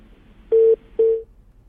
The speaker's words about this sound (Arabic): طيب انقطع الاتصال، ارجو المعاود الاتصال